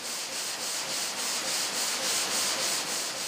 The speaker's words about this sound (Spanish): Cortar un bloque de mármol en losas lleva casi 5 horas. Para evitar que las sierras se sobrecalienten, se enfrían continuamente con agua.